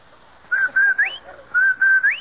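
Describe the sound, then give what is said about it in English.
A clear whistled advertising jingle, the Rinso White whistle: two identical short phrases, each made of steady notes that end in a quick upward slide, played alone with nothing else going on. “That's the Rinso White whistle.”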